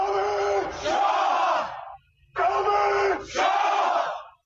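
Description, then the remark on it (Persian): A large crowd chants the protest slogan "Death to the oppressor, whether Shah or Leader" in Persian, in unison, loud and forceful, in two long shouted phrases separated by a short pause, with dense overlapping voices throughout. “بیایم به امروز و شعارها و مسائل امروز و همین شعار مرگ بر ستمگر، چه شاه باشه چه رهبر.”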